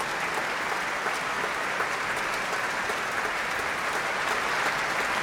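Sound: concert hall audience applause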